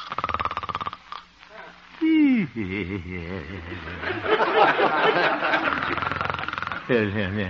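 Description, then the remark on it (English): A man, the radio character Honest Harold the Homemaker, gently snores in his sleep in a little house on 8th Avenue, a voiced, wobbling drone with gliding pitch and sputtering breaths, rising and falling in a loose rhythm at moderate loudness. “Looking into the little house on 8th Avenue, we find the town's most popular radio figure, Honest Harold the Homemaker, gently snoring and evidently having a very pleasant dream.”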